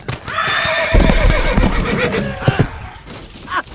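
A horse lets out a long, wavering whinny with high tonal harmonics, sliding and fluttering for about two seconds, followed by snorting breaths and a few dull hoof thuds.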